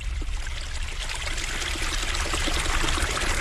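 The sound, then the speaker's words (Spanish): Water trickles and bubbles steadily from a small spring at the foot of a rock on a hill of chestnut trees, a continuous babbling flow with soft gurgles and splashes and no voices. “en la colina de los castaños, brota una fuente al pie de una roca, surtiendo de debajo en unos hilos que juegan como a mano con la arena y se quiebran en burbujas, y luego hacen un canalillo por el que la tacita de la fuente desborda.”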